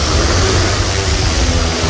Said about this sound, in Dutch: Max Verstappen? Nee, het is een drone. Oh. Dit is de drone van glazenwasser Bram uit Soest. Ach, ja. Natuurlijk. Dat is gewoon super handig. Die gaat zo de lucht in, aangesloten op een slang met warm water en schoonmaakmiddel.